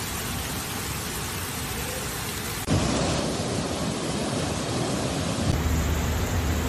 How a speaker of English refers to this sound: Torrential rain hits the Spanish cities of Barcelona, Valencia, and Spain's eastern Mediterranean coast after the country's hottest summer on record, submerging streets.